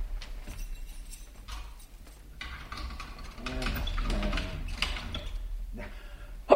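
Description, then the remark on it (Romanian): A key rattles and turns in a door lock, several small metallic clicks and scrapes over a few seconds, ending in a sharp clunk as the bolt catches. “să închid ușa cu cheia.”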